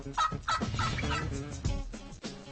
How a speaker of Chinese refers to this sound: 在北美，最大最美味的鸟是火鸡。